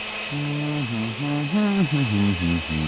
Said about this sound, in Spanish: Papaya, avena, linaza y jugo de limón. Ok. Ponga los ingredientes en una licuadora.